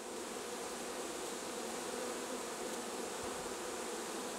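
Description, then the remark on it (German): A dense, steady hum of about 30,000 honeybees swarming into their new hive through the entrance hole, following the older queen, a continuous buzzing drone that holds evenly throughout with no pauses and no voices. “Dicht gedrängt, aber friedlich, laufen rund 30.000 Bienen in ihr neues Zuhause.”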